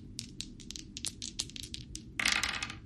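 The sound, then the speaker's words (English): Dice are rolled in a game, rattling and clacking in a quick series of small, hard clicks, building into a denser clattering burst near the end as they tumble and settle; fairly quiet, no voices. “Roll dice, try to win.”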